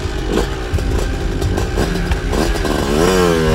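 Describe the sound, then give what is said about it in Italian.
A moped engine unexpectedly starts by itself, sputtering and rattling loudly, then revs higher with a rising whine as it drives away on its own. No voices are heard. “inaspettatamente il motorino parte e va via da solo.”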